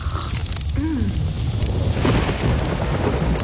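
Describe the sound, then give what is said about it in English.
Heavy winter rain in Victoria pours down in a steady, dense hiss while low thunder rumbles underneath, swelling slightly louder in the second half, with no voices. “Kind of pouring.”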